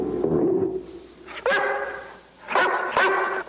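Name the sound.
great Dane barking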